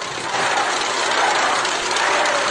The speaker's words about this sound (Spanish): Van a oír una rechifla que se llevó la presidenta.